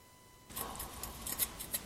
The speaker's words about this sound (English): It is not a pretty cut. Oh. I'll get it. The scissors.